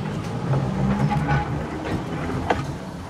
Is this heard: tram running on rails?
yes